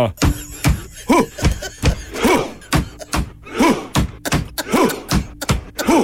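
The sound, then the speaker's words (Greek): Heavy drum beats thud in a steady, slow rhythm while a group lets out short, loud chanted shouts between the hits, a Viking-style war chant with a rowing motion, also performed inside a stadium. “Χτυπάνε με ένα τύμπανο. Παπ-παπ. Κάνουν. Βγάζουν και κραυγές.”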